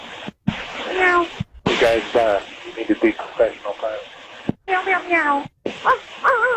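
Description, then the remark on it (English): Several pilots imitate cat meows over a crackly, band-limited radio channel, with repeated rising and falling mews broken up by short silent gaps between transmissions. “Guys, you need to be professional pilots. Meow, meow, meow.”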